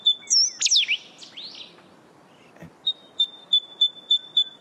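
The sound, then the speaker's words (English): A shy coastal bird calls with clear, high whistles: first a few swooping, slurred notes, then a steady run of short, evenly spaced piping calls, bright against a quiet background. “And but it's just got the most beautiful sound that you can hear, especially on those still mornings by the ocean.”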